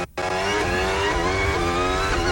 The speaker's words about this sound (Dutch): Een beetje wielspin zo te horen bij Lando Norris. Maar er zit zo'n hobbeltje in, hoor je het op de achteras.